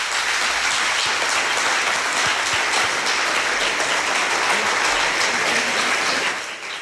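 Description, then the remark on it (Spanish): Sustained audience applause, a dense, steady wash of many hands clapping at even loudness for several seconds before easing off slightly at the end, with no talking over it. “Te mandamos un beso y un aplauso.”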